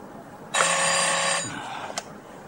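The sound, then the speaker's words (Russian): A single burst of a telephone bell ringing, loud, in the office of the deputy head of the port fleet, Aivazov, lasting about a second before cutting off, followed by a faint click in otherwise quiet surroundings. “Айвазов разговаривает по телефону.”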